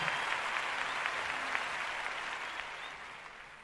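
Sustained applause from a large audience for Poppy Espatoco and the Filarmónica de Mendoza, a dense wash of many hands clapping at once, steady and fairly loud before slowly tapering off slightly, with no one speaking over it.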